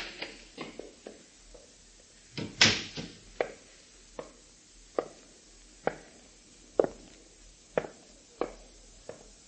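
A string of about a dozen sharp, irregular knocks and clicks of someone at a front door, with a louder scraping clatter early on and no talking.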